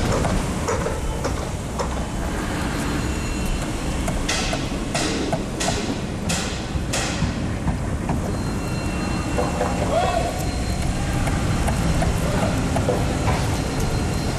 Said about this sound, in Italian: Sentite come il martello pneumatico si accorda con le scavatrici, mentre la ruspa fa da sottofondo. Che arte, che arte!